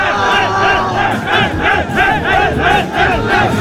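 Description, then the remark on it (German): FC Vaduz football fans celebrate the club's return to the Super League after five years in the Challenge League, shown live on TV: a large crowd chants and sings loudly in unison, voices rising and falling in a steady repeated rhythm, a jubilant, sustained roar with no single voice standing out. “Nach 5 Jahren in der Challenge League sind die Liechtensteiner wieder zurück in der Super League und haben sich gestern zu oben ziemlich gefreut, live im Fernsehen.”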